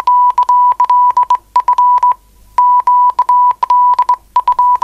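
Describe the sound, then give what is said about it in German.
A steady tone near one pitch keyed on and off in rapid dots and dashes, loud and clipped, with brief pauses between groups of characters, like Morse code sent on a telegraph key. “Wenn der Partner allzu unbeholfen am Morse-Taster ist, wird der andere etwas frecher.”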